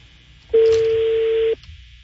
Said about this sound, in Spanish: Sonando. No contesta. Tu llamada se reenvió.